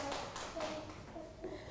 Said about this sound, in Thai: ปรบมือให้เพื่อนอีกครั้งค่ะ